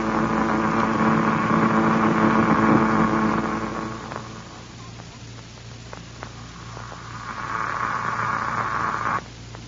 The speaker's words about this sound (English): That disintegrator certainly cuts into the ground out there, doesn't it, Doctor? Yes, it does, Wilma. It's strange to hear its sound coming to us by radio, though, through the transmitter in Buck's presence.